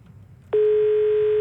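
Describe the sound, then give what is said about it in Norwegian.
After a brief stretch of low background hiss, a single loud, steady electronic beep sounds abruptly and holds for nearly a second: the tone of the Jukebox radio show's telephone answering machine, signalling the start of recording a listener's message. “Det en telefonsvarer som gjerne tar imot meldingen din.”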